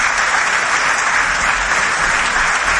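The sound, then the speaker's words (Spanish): Steady, dense applause from a large audience for the 280 workers who built it, loud and sustained throughout without any pause or voices standing out. “Un fuerte aplauso, la verdad, para todos ellos, ¿eh?”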